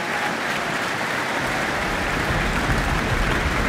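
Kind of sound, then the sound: crowd, audience applause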